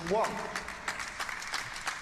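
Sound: arena crowd applause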